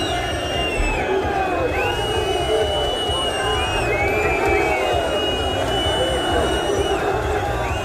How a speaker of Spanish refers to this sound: Miles de aficionados se concentraron a la salida del estadio para protestar contra la directiva